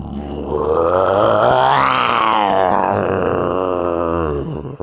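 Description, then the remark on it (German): A man imitates a lion's roar with one long, loud, rough growling cry that swells in pitch toward the middle before sinking and trailing off, with no other talk. “Kannst du einen Löwen nachmachen? Ich kann's mal versuchen.”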